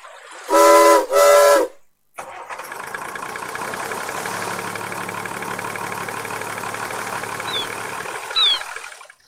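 Two loud, harmonic blasts of a ship's whistle sound in quick succession as the ship is started. They are followed by the steady rumble of the ship's engine starting up and idling, with a brief faint chirp near the end.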